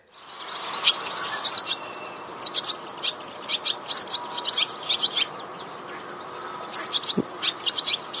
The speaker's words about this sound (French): Alors, là, ce qu'on entend, c'est une hirondelle rustique. Et donc ici, on parle de notes chaotiques. Alors, je ne sais pas si vous avez entendu à la fin, on a un son qui est assez brut, assez transformé.